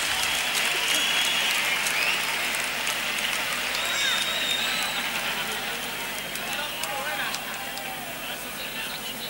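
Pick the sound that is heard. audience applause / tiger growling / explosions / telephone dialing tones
audience applause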